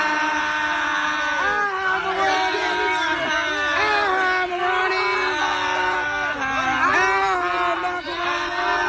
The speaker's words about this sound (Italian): Niente, sto pezzo c'ha una coda lunghissima con la gente che strilla.